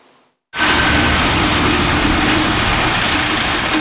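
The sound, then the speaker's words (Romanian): After a brief quiet moment, a steady wash of idling engine noise rises and holds, a dense low rumble of many vehicles standing in kilometre-long queues at road works on the national road in Timiș linking to the A1 motorway, with no one speaking. “Acolo șoferii sunt nevoiți să stea la cozi kilometrice, atât ziua cât și noaptea.”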